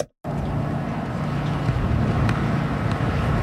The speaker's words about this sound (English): Oh boy, hello. It's a windy one.